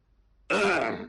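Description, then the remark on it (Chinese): A single loud throat-clearing cough from a man, performed by a storyteller: a brief rough burst lasting about half a second after a moment of quiet, then trailing off. “咳嗽一声，又屏风后转出，儿臣李治叩见父皇。”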